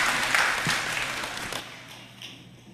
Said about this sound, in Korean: 우리 하나님 앞에 영광의 박수 올려드리겠습니다.